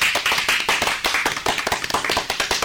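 A group claps in steady applause, dense overlapping hand claps with a crisp, bright quality, sustained at an even loudness for a few seconds with no voices.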